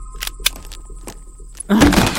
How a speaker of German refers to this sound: Bleibt hinter mir. Ich mache jetzt die Tür auf.